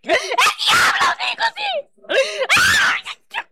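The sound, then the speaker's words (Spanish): A person cries out in loud, strained bursts of screaming and wailing during a deliverance at the Pentecostal church La Cosecha, with wavering pitch and broken gasping between outbursts, intense. “¿Por qué gritas?”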